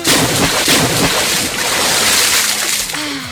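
Loud, continuous splashing and sloshing of water in a studio, with choppy bursts throughout and a brief voice rising faintly near the end.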